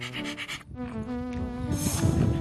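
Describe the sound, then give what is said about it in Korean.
A dog named Ttangkong pants heavily in quick, rhythmic huffs on a countryside walking path, with a steady tonal hum and some rustling noise running underneath. “낭만 있는 시골 산책길에 땅콩이의 숨소리가 가득 찹니다.”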